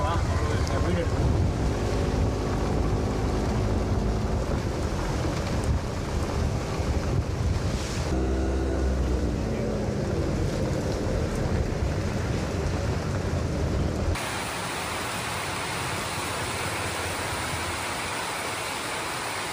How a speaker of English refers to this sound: Wow, listen to that rain come down on this metal roof. Can you hear that thunder?